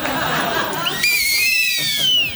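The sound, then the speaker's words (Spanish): A shrill whistle, one of two whistles knotted together, is blown in one sustained, slightly wavering blast of over a second, fairly loud, following a burst of noisy background laughter and commotion. “Dos silbatos que se han anudado y que ya por siempre quedarán anudados.”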